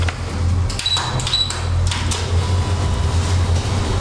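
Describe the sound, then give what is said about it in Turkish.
A doorbell rings as two short, high electronic beeps in quick succession, fairly faint against a steady low rumble of background noise, with no one speaking. It is the bell at number 16, the address given as the Denge Partisi headquarters, and no one answers the door. “Zil çalıyor. Zile bastık ancak kapıyı açan olmadı.”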